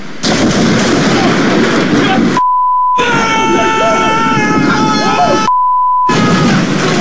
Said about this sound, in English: lightning hits this massive pine tree, and then it falls on the place, ripping the front roof off.